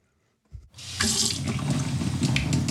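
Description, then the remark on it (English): Water runs from a tap into a gallon-sized jug after a brief clunk, in Cadiz, Ohio: a steady rushing stream that holds loud and even for a couple of seconds, with no talking. “dining room table is covered with gallon-sized jugs filled with tap water.”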